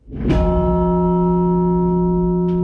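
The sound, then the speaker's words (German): A giant church bell hanging indoors in an exhibition space is struck once and rings on loudly with a deep, sustained hum of layered overtones. A second strike begins just at the end. No voices. “Welche Rolle und Aufgaben Geräusche und Klänge im öffentlichen Raum haben, vom eindeutigen Lärm einmal abgesehen, das erklärt die Merit Ernst anhand von einer riesigen Kirchenglocke, die im Raum hängt.”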